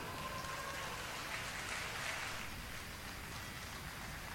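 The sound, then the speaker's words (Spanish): An audience applauds steadily for the Taller de Danza Municipal Ballet Folclórico Artístico de Tomé (Bafoart) in Tomé. A dense, even patter of many hands clapping holds at a constant level for several seconds with no voices over it. “Señoras y señores, saludamos con este aplauso al Taller de Danza Municipal Ballet Folclórico Artístico de Tomé, Bafoart.”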